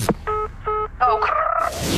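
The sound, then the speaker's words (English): A click, then three short, even electronic beeps of a phone call breaking up and disconnecting, followed by a wavering tone that dissolves into a burst of hiss. “Oh, no, my phone's breaking up. Oh, I've got to go, it's also being disconnected.”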